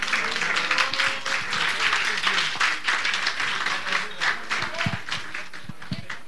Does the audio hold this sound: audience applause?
yes